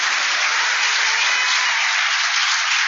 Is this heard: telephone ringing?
no